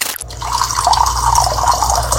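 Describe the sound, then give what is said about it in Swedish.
Hot water pours steadily into a vessel after a brief start, a continuous splashing stream that holds a fairly even level throughout, with no talking. “Det första klippet kommer vara på varmt vatten.”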